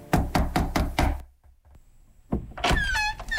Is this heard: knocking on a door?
yes